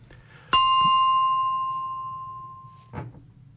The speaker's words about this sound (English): Goodness me, that bell snuck in. I didn't want that, but never mind. There was a ding to sort of say it.